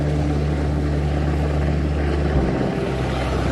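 A rescue helicopter comes to people trapped on a rooftop by a flood: its rotor roars loudly and steadily, with a deep droning hum that stays strong throughout and shifts slightly in pitch partway through. No one speaks.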